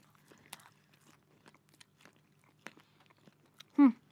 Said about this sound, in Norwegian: Jeg lurer på hvordan det er når man tygger det. Ok, prøve, og de er fortsatt varme.